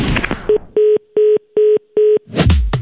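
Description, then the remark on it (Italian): A phone line drops during an Isoradio link-up with a correspondent in Veneto: after a brief burst of noisy crackle, four loud, evenly spaced busy beeps sound, then a short rush of noise ends it. “Ecco, purtroppo è caduta la linea”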